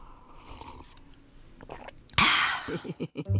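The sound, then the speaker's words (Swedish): A wet burst of sloshing water followed by a quick run of four or five gulping swallows, as someone takes a big drink of water. “Kanske du ska ta en rejäl klunk vatten?”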